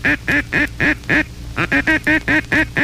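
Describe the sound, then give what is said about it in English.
A duck call sounds the cluck call: five quick, evenly spaced clucks, a brief pause, then a faster run of about seven more, loud with no other sounds. “The cluck.”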